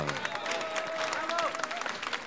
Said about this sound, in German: Und im Hintergrund hören wir schon, die Schneller sind auch unterwegs. Die ganzen Schneller, da ist eine bärige Stimmung. So gehört sich der Herbst in Südtirol in Klausen.